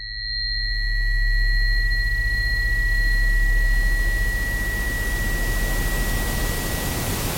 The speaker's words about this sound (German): Rauschen ist ein permanentes Tönen, aber eben in allen Frequenzspektren zur gleichen Zeit. Und auch das erfährt man eigentlich erst, wenn man dann das Rauschen mal hörbar macht. Ich glaube, das hier dürfte das weiße Rauschen sein.